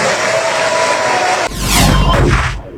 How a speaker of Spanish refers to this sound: La onda es que todos aplaudieron.